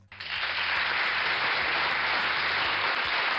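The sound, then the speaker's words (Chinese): Sustained applause from a crowd, a dense steady wash of clapping that starts abruptly and holds at an even, loud level for about three seconds, with no voices over it. “这个掌声送给谁啊？”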